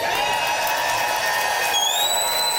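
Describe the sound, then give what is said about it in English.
A live public radio audience at the Regina Performing Arts Center in Saskatchewan cheers and applauds in a steady, loud roar, and sharp high whistles rise out of the noise near the end. “Listen to that, Canada.”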